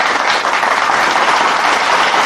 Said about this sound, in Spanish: creo que se merece un fuerte aplauso, ¿verdad?